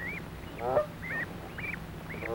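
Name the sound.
geese honking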